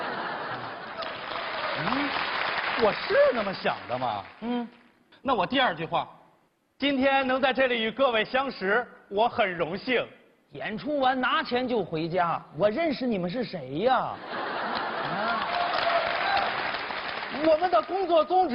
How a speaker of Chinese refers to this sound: 您听出来了吗？啊， 这弦外之音就是啊，您鼓掌就好，不鼓掌不好，没来现场的更不好了。